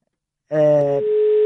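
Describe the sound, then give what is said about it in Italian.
A telephone ringing tone on an outgoing call starts abruptly after half a second of silence: a brief buzzy, harmonic-rich burst, then a steady pure tone held loud, as the caller waits for the other person to answer. “Scusate, vi faccio sentire anche lo squillo, così siete partecipi di tutti i particolari di cronaca.”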